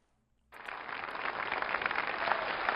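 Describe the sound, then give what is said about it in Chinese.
After a brief silence, the audience at the 1993 Spring Festival Gala bursts into dense, sustained applause as Niu Qun and Feng Gong begin their crosstalk piece "Auction". A thick crackling wash of many hands clapping holds steady and swells slightly louder toward the end. No one speaks. “哎呀，春节好，这个朋友们一鼓掌啊，我明白什么意思，发现我越长越漂亮是吧？”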